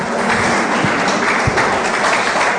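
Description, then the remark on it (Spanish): A large church audience applauds steadily for Jesus Christ, God the Father and the Holy Spirit, a dense, even wash of clapping that holds at full strength for the whole stretch, with a few sharper individual claps standing out. “Denle un fuerte aplauso una vez más a Jesucristo, a Dios nuestro Padre y al Espíritu Santo.”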